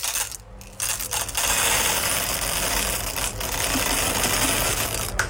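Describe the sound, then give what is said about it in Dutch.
Coffee beans pour steadily into a grinder, a dense, continuous rattling cascade of small hard pieces that runs for several seconds after a brief quieter start, with no talking. “Het vullen van de koffiemolen.”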